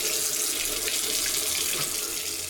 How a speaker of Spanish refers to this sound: Si no cerrás la llave mientras lavas dos platos o te cepillas los dientes, estás desperdiciando el agua que se tomarían 44 personas en un solo día.